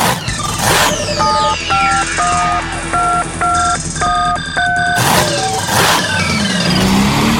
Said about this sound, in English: It's mud slinging, engine revving, tractor pulling action. It's coming to the Washington County Ag Center May 23rd.